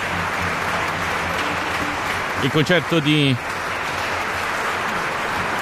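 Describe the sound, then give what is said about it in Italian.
Sustained applause from a concert audience after Carl Maria von Weber's Clarinet Concerto No. 2, as soloist Riccardo Manco returns to the stage, fills the whole stretch, a dense steady wash of clapping, while a man speaks briefly over it in the middle. “il concerto per clarinetto e orchestra numero 2 in mi bemolle maggiore, opera 74 di Carl Maria von Weber, mentre il rito degli applausi ovviamente procede e giustamente Riccardo Manco rientra in scena per ricevere questi applausi.”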